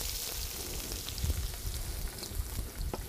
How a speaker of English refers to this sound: So let me just get some oil in there. And I'm going to go in with all of this stuff. It's already hot. There'll be sizzle right off the bat. We just want to kind of get this in and get it cooking.